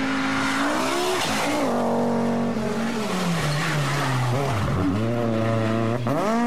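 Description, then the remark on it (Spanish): Loud car engines start, roar and accelerate hard, their pitch climbing and dropping through repeated gear shifts, with a squeal of tires mixed in; no one speaks. Opening of the radio show Quemando Nafta on CX149 Radio del Oeste. “Se encienden los motores, se prende la pasión y pisamos el acelerador a fondo.”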